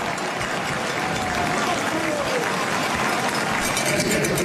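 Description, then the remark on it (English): A thin stadium crowd at a Ticats football game in Hamilton gives a steady round of scattered clapping, holding an even, moderately loud level throughout, with a faint murmur of voices mixed underneath. “It's a nice round of applause here from, we'll call it a sparse crowd in Hamilton.”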